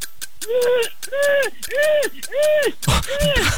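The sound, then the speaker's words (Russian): In a sound-imitation game, a voice mimics a car engine that won't start: four cranking, rising-and-falling vocal whirs in a steady rhythm, then a noisier, sputtering fifth attempt that trails off. “Машина, которая не заводится.”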